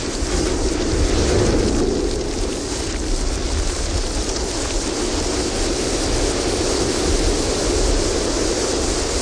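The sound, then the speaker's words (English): A ship's hull grinds and crashes through sea ice in Antarctica in a loud, continuous roar of rumbling, scraping noise that holds steady for several seconds, with no voices. “Here is a recording you made of the ship hitting sea ice.”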